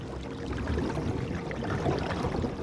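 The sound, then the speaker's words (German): Carp near the lake shore splashing in the water: a steady, moderately loud wash of sloshing and lapping, with no single sharp splash standing out and no voices. “Ja, da im Wasser. Das waren Karpfen. Um die Zeit kommen die in Ufernähe.”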